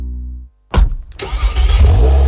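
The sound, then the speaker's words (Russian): A Solaris car engine cranks with a short whirring starter burst, then catches and settles into a loud, steady rumbling run after a brief low hum and a moment of silence. No one speaks. “Знали этот звук? Солярис. Знакомый с первого звука.”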